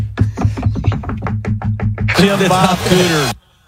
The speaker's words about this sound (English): Knock if you agree with me.